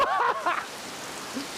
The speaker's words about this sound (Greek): Όχι, χωρίς πλάκα. Αυτό είναι το τροπικά μέρη. Βρέχει φουλ, μετά βγάζει ήλιο φουλ και όλα καλά.